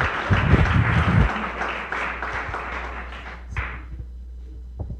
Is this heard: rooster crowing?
no